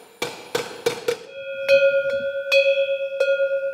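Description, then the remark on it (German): Four sharp metallic hammer strikes in quick succession as a traditional Alentejo cowbell is tuned by hammering its metal, then the handheld cowbell rings out several times with a bright, sustained clanging tone that lingers between clanks. No voices. “Jede Herde im Alentejo, wenn sie denn noch traditionelle Kuhglocken hat, bimmelt anders.”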